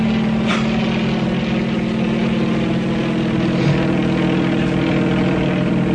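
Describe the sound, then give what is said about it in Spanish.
A helicopter's engine and rotor drone steadily and loudly, a dense continuous roar with a deep humming undertone that holds without pause. No voices. The helicopter banks to one side to change course toward a site where it may land. “El helicóptero viró hacia el sitio donde le ordenaba Calimán.”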